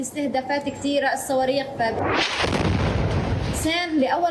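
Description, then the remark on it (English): A loud, broad explosion-like blast from a missile strike in Gaza roars for about a second and a half, cutting between stretches of a person's voice before and after. “Her life became sleeping and waking up to the sound of explosions, to the sound of the numerous attacks and missiles.”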